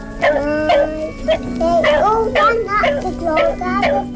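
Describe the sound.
A dog barks and yips repeatedly in short, excited bursts, with children's voices chattering and playing in the background.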